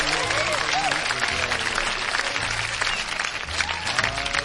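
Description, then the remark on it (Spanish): Loud, sustained applause from a sizeable audience fills the whole stretch, dense and steady, with scattered cheers and voices rising through the clapping. “Un aplauso grande para toda la gente bonita.”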